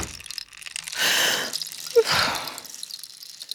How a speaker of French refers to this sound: Toudou sort de la chambre sur la pointe des pattes. Il referme la porte.